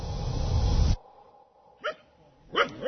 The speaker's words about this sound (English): On a green field at the edge of the city of Gulu in the north of Uganda, a group of men and women are training their dogs.